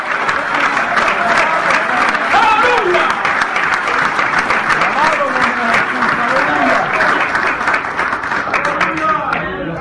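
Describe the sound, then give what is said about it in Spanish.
An audience claps steadily for about ten seconds, a dense, loud wash of many hands with overlapping voices calling out beneath it. “Voy a aplaudir porque algunos de ustedes ya se murieron ya.”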